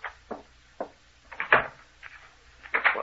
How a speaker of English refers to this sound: What? He's locking the door again. He's locking us in.